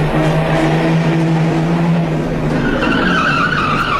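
A car engine revs loudly, its pitch climbing as the vehicle pulls away, with a steady roar and a hint of tire noise throughout. No one speaks.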